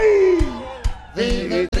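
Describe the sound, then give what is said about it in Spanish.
People shout and whoop with rising, sliding voices while hands clap in a steady beat, about four sharp claps in under two seconds, loud like a lively group cheering. “Prendido en llama, muchachos. Con la palma y el grito.”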